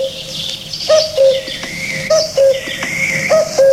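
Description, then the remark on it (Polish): The interval signal of the Vilnius radio station, Polskie Radio Wilno: a short, chirpy, bird-like motif of clear mid-pitched notes, played in pairs and repeated several times over steady background hiss, with no speech. “O, to jest sygnał stacji wileńskiej.”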